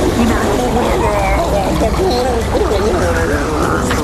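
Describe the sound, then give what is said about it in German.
Fresh water sloshes and swirls steadily for a few seconds as a mouth is rinsed, a dense gurgling wash with murmuring voices blended underneath. “Aber dafür kommt jetzt noch eine Ladung frisches Wasser für dich.”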